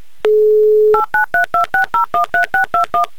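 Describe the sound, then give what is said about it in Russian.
A steady dial tone cuts off and a quick run of about eleven touch-tone beeps follows in an even rhythm, someone punching in a phone number to call a listener on the Humor FM radio show. The tones are loud, with no voices. “Набрал номер телефона”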